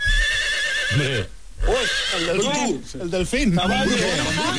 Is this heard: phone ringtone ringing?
no